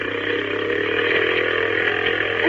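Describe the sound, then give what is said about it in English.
A motorboat engine drones loudly and steadily, its buzzing hum holding a constant pitch with a slight lift toward the end, with no voices, as the boat heads across an inlet toward a lighthouse. “You think we get a man-sized boat instead of this?”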